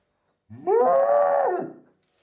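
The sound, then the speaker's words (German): A single cow moo, loud and drawn out for over a second, starting low, swelling into a steady nasal tone, then trailing off. No other sounds accompany it. “Das war eine Kuh.”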